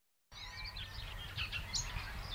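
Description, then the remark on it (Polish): Several birds chirp and warble continuously outdoors in the village of Bogusławów, their bright overlapping calls over a steady low rumble of wind or background noise. “Ptaszki śpiewają.”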